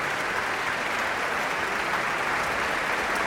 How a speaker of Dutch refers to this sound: Het Radio Philharmonisch Orkest onder leiding van Tiani Lou speelde Scheherazade van Rimsky-Korsakov. Met een groot applaus hier in de grote zaal van het Concertgebouw in Amsterdam. Voor dirigente Tiani Lou.